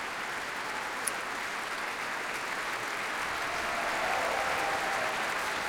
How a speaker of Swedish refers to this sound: Ja, jubel för träblåsarna här också. Och som sagt, stående ovationer i Berwaldhallen.